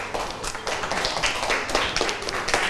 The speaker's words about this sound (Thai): อ่ะเก่งมากปรบมือเพื่อนหน่อย